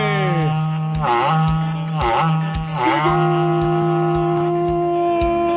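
A berrante cattle horn blows a loud, sustained, buzzing tone, swooping up into several bending glides before settling into a long steady note, with a faint regular thump underneath.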